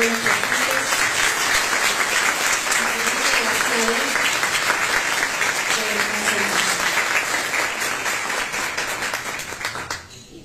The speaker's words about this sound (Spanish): Le regalemos un fuerte aplauso.